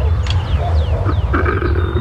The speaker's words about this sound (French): Je m'approche doucement d'un couple de lions et de lionnes. Oula, ils crient. Ils vont s'accoupler. Écoutez-les. Le lion est bien le roi de la jungle, comme tu peux l'entendre.